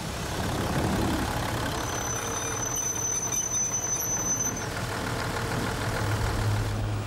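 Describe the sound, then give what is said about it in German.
The 580-horsepower engines of a brand-new diesel railcar drone steadily as the train climbs a steep mountain line in Corsica while a thunderstorm clears, with a deep low rumble and constant mechanical noise, a faint high whine riding over it for a few seconds before fading; no voices. “Die nagelneuen Triebwagen mit ihren 580 PS starken Motoren haben mit dieser Strecke normalerweise keine Probleme mehr.”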